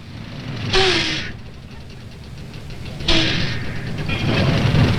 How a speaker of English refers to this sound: bus from LA in yet? It's just coming in now.